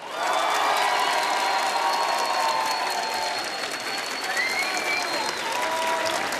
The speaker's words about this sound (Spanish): Vamos a hacer un aplausómetro. Venga.